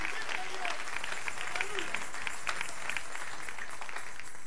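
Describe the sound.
An audience at an evening church service claps steadily as applause to the King, Christ, a dense wash of many hands with crisp overlapping slaps, while faint voices call out beneath the applause.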